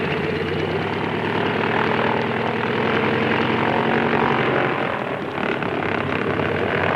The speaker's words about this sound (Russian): Он никогда не оторвется от земли. Взлетная полоса размокла, а самолет слишком перегружен. Он проехал уже до половины взлетной полосы и все еще не поднялся в воздух.